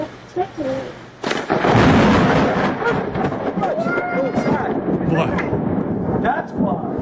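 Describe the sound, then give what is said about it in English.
A sudden, sharp, loud crack of thunder from a lightning strike during a thunderstorm, recorded on a Ring camera, rolls into a heavy, sustained rumble that fills the rest of the moment, with faint voices underneath. “So lightning, proving his point.”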